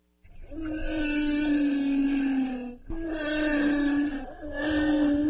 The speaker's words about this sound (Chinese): 你能想象吗？这是座头鲸的真实叫声